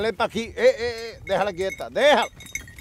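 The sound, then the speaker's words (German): Several sheep on El Hierro bleat in quick succession, wavering, nasal cries, with a faint metallic clink of a bell at the end. “Pech gehabt, es gibt nur Schafe.”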